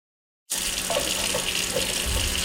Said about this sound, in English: fills up a glass of water. It's clear now, but it wasn't always.